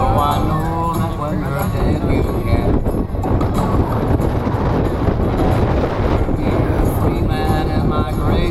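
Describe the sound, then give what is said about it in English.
Loud, continuous wind buffeting a handheld microphone, a heavy low rumble with gusty swells that nearly drowns out a person talking underneath. “It's so windy. It's like so loud in my hand.”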